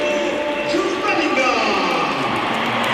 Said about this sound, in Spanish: Aplausos para Bellingham y ahora vamos a escuchar la ovación que se va a llevar Carvajal porque sale por tren Alexander Arnold.